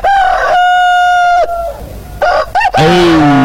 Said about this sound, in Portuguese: Olha a hora certa, canta Galo Chico.